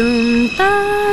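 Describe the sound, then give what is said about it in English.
A single voice hums a three-note imitation of a New York subway door chime, the sound heard on the platform as a train is about to leave: a low sustained tone, a brief break, then higher held notes, clear and steady with nothing else behind it. “And you hear these three pure high tones.”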